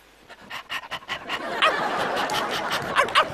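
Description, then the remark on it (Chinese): A person imitates a dog in a staged Pavlov conditioning experiment skit, staring at a fan standing in for meat, starting with quick rhythmic panting breaths and a few yelping, bark-like sounds, while steady crowd noise, likely laughter, swells underneath. “你是真狗啊！”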